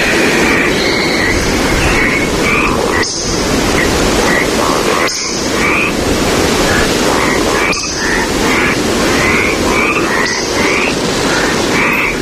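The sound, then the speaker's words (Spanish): A woodcock gives thin, high squeaky calls again and again in short bursts as it flies over a forest at dusk. A steady rushing noise fills the background, and no one speaks. “Pero cuando sobrevuela el bosque, esta hora del crepúsculo, deja este rastro sonoro.”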